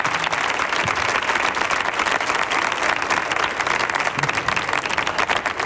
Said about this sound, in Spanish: Si aplaude uno, aplaudimos todos, porque días no más hay.